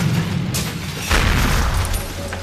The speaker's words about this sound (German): Das Maislager kommt immer näher. Ich muss hier raus. Das ganze Maislager explodiert.